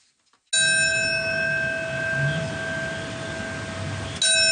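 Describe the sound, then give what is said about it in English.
A single memorial bell, marking the anniversary of the 9/11 terror attacks, is struck and rings out with a long, sustained resonant tone that slowly decays, followed by a second strike near the end; no voices are heard. “On September 11, for the 25th year, bells will mark by the minute the moments that changed the world forever.”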